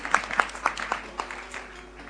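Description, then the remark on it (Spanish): Brief, scattered applause from an audience at a presentation of a trail race in La Quiaca: a handful of sharp claps at an uneven pace that quickly thin out and fade, with no voices over them. “Fuerte los aplausos.”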